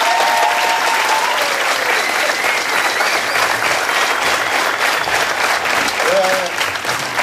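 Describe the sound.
An audience at a choir concert applauds the arranger of the pieces performed, clapping steadily for several seconds, a dense, loud wash of applause that holds its level throughout, with faint voices and a brief whistle-like tone mixed in.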